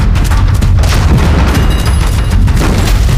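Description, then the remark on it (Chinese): Continuous heavy booming of Japanese enemy artillery and mortar fire, dense low rumbling blasts overlapping with sharper cracks of gunfire, loud and sustained throughout with no voices. “好像是鬼子的排气炮声，这鬼子可真够快。”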